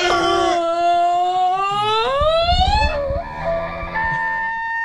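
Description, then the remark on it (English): A voice imitates an elk's honk: one long, loud, nasal tone that climbs steadily in pitch for about three seconds, then breaks into a few shorter, lower wavering calls. “An elk. Oh. Oh, they honk.”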